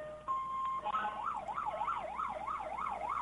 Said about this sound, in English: And here come the fire departments. This will be loud. Led off by, of course, Mendocino's white fire truck. That's the brand, not the color.